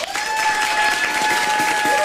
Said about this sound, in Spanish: Un aplauso bien fuerte para el superlativo